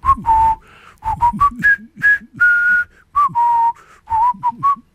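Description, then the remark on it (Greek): A jaunty march melody whistled clearly and loudly, in short bouncy phrases with a steady marching rhythm, over a low thumping backing beat. It is the march tune whistled by prisoners of war in a war film. “Αυτό το τραγουδάκι, έτσι, αυτό το σκοπό που σφυρίζαν τότε οι εχμάλωτοι.”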